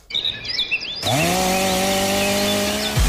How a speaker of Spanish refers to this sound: ¿Ramas rebeldes? ¿Leña para el invierno? No pierdas el tiempo. Siente el verdadero poder del corte con la tecnología y precisión de las motosierras Steel.